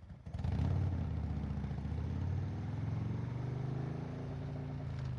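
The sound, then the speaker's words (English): A motorbike carrying two riders roars to life and revs hard, its throaty drone climbing in pitch, then holding steady as it speeds off, loud throughout with no voices. “she hopped into the back of Clementine's motorbike and they tore off to the cliff”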